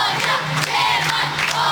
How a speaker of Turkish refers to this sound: Sürpriz veda etkinliğinde okul koridorları ve bahçesi sevenleriyle doldu. Alkışlar hiç durmadı, sloganlar atıldı, duygu dolu anlar yaşandı.